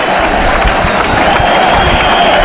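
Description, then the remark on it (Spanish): A large crowd, many standing, at the Plaza de Toros de la Merced bullring reacts after the bull falls in Morante de la Puebla's bullfight with divided opinion: dense, steady applause with shrill whistles cutting through the clapping, a loud, continuous, mixed reaction with no single voice standing out. “Hay división de opiniones. División de opiniones, vale. Hay personas que aplauden. Hay personas que pican.”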